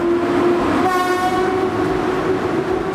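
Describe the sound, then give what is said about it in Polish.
A slow passenger train, which left Warszawa Wschodnia at 8 on a route via Białystok, Giżycko, Toruń and Malbork, rumbles steadily and loudly along the rails, with a sustained tonal whine or horn-like tone rising over the noise partway through. No one speaks. “Pociąg nieśpieszny wyruszył o 8 z Warszawy Wschodniej na trasie Białystok, Giżycko, Toruń czy Malbork.”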